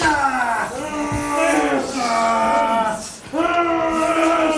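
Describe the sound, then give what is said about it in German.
The Swiss men's tug-of-war team strains during training, letting out three long, loud, low groaning vocal pushes, each held for over a second with brief breaks between, sounding almost like mooing. “Dann nach einem Uhurenkrampf, das ist Seile ziehen und was ihr da gehört. Das ist Schweizer Mannenteam beim Training.”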